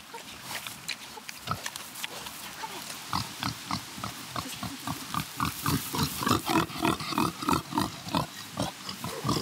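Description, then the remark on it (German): Several pigs grunt and snort in a busy, overlapping rhythm while being fed for the third time that day, on organic kitchen waste and maize meal; the short grunts grow denser and louder toward the end, with rustling and shuffling underneath. “Die wurden schon zweimal gefüttert, also es war jetzt das dritte Mal heute.”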